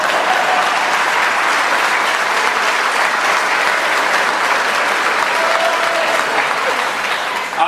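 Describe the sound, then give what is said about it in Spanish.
Steady, loud applause from an audience, a dense wash of many hands clapping continuously for several seconds without pause. “Aplaudan, o sea, boludo.”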